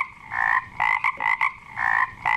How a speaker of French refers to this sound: Mais le plus drôle, c'est, tu sais quoi, moi, te le dis, c'est qu'ils jasent entre eux autres, les grenouilles.